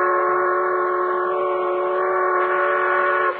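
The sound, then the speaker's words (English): A steam supply train's whistle blows one long, loud, steady blast with a rich chordal tone, sustained for several seconds before cutting off abruptly. No one speaks. “Oh, nobody'd hold up a supply train.”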